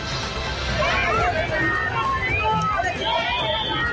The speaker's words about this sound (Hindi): भगवान जगन्नाथ की जो प्रतिमा है वो सामने है और जो यहाँ पर दर्शकों की भीड़ है, श्रद्धालुओं की भीड़ है, वो सैकड़ों नहीं हजारों नहीं जबकि लाखों में यहाँ पर है।